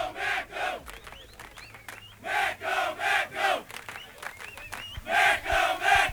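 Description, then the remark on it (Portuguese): A large crowd of the visiting team's football fans, just arrived, chants in loud, rhythmic bursts, voices rising and falling together in a repeated pattern with short gaps between phrases. “Já chegou a torcida?”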